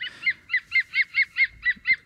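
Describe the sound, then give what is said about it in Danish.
A green woodpecker calls: a rapid, evenly spaced series of about nine loud, ringing notes at a steady pitch, like harsh laughter, with no voices over it. “hvad er det, vi hører her? Det er jo grønspætten.”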